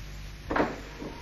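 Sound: door being opened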